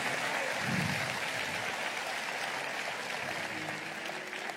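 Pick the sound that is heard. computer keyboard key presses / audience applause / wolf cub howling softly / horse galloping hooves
audience applause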